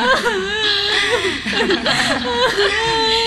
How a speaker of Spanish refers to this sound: Está asustada. No está llorando realmente. No, está fingiendo. Es una falsa. Es una mentirosa.